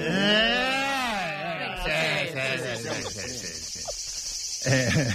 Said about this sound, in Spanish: Veraniego. Veraniego. Grillo. Chicharro.